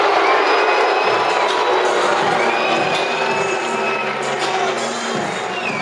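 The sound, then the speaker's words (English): A large stadium crowd at a baseball game roars with loud, sustained disapproval, a dense wash of booing and shouting that holds steady for several seconds, after the umpire rules the batter did not swing on a 3-2 full-count pitch, giving a walk. “And the crowd's going to let him hear it.”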